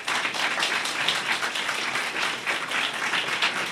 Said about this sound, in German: Ja, Applaus